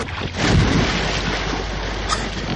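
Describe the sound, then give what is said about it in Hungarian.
Water surges and crashes against a small boat as a whale attacks and the boat fills with water, in a loud, continuous wash of noise, with a heavier splash near the start and wind-like roar throughout. “Teli lett a csónak vízzel! Merjétek gyorsan, mert elsüllyedünk!”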